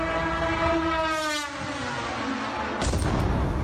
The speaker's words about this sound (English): That was a Russian Garand 2. It's a long-range delta-winged drone carrying a 50-kilo warhead.